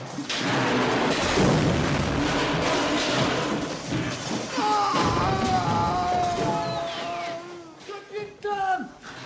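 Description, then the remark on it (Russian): A bridge on an alien planet, set shaking by a raised voice, collapses with a loud, sustained crashing rumble of breaking timber and debris, followed by a long falling cry as a man plunges down, and shouting voices as the crash slowly dies down. “Рухнул мост, и Мартин с криком полетел вниз.”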